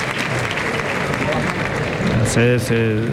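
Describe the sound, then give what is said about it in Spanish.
A bullring crowd at a bullfight applauds steadily in a dense, even wash of clapping, then breaks into loud, sustained voiced cheers over the applause near the end, cheering the bullfighter Juan Ortega as he works the bull. “La gente lo vive, lo vitorean, claro.”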